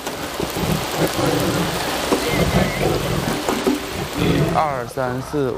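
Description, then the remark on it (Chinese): Steady rain hisses down throughout, a dense patter on surfaces, and a voice calls out briefly near the end over the downpour, calling animals to come back and eat. “下雨呢，快回来吃饭，乖乖回来来。”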